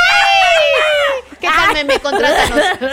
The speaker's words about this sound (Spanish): ¿Te sale el grito mexicano? ¿Te sale un grito mexicano o no?